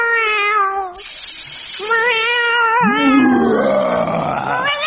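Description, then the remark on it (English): A voice imitates a dragon stuck in a cat flap, with loud, wavering yowls that slide up and down in pitch, ending in a long, strained, growling wail that rises and falls; a contestant's impression on the talent show Junior Opportunity Knocketh. “Their dragon caught in a cat flap.”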